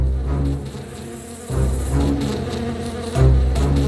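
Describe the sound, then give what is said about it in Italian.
A swarm of the wicked Witch of the West's giant bees buzzes loudly and continuously as they fly toward Dorothy and her friends, a dense droning hum that swells and surges in waves, growing stronger near the end, with no voices. “Quando Dorothy e i suoi amici videro le api volare verso di loro, non ebbero il tempo di scappare.”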